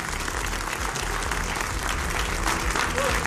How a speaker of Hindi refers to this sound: और बहस बाजीगर के इस एपिसोड में मुद्दा जितना दिलचस्प है उससे ज्यादा दिलचस्प आज की ऑडियंस है। तो तालियों के साथ आप सभी का बहुत बहुत स्वागत।